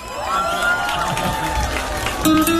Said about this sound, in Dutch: Want Emmen, wij hebben weer als waanzinnig genoten. Geef hem een geweldig applaus. De man die van zo ver komt, die zoveel respect verdient.